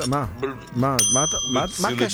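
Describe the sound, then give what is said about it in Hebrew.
A single bright bell ring strikes midway and hangs on with a clear, sustained metallic tone, sounding over continuous talking voices. “זה סתם עכשיו לגנוב עוד צלצול”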